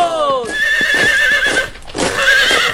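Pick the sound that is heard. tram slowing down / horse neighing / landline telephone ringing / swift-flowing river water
horse neighing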